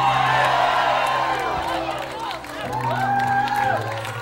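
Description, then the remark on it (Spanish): A large crowd shouts and cheers loudly all at once in response to a preacher's call to shout amen, many voices rising and overlapping in a sustained, echoing roar that swells again near the end. “Si alguien lo cree, grite amén. Si alguien lo cree, tú Cuando usted está, tira un grito duro, amén.”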